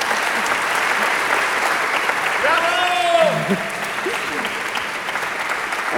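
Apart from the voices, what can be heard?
audience applause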